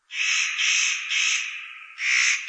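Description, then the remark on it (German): A spotted nutcracker gives harsh, crow-like rasping breeding-season calls, four drawn-out grating bursts in quick succession, loud with no other sounds around. “Seine Stimme ist, wie bei den Hähern ja, im ersten Anblick auch eher so krähenmäßig zur Brutzeit.”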